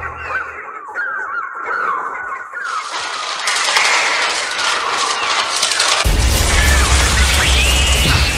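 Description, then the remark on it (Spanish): A dense swarm of birds shrieks and squawks together in the last scene of Alfred Hitchcock's 1963 film The Birds, as a car drives off surrounded by birds; the chaotic cries build into a loud, continuous din, joined near the end by a heavy low rumble. “Exactamente, yo creo que esa es la última escena que sale el coche pitando rodeado de pájaros por todos los lados.”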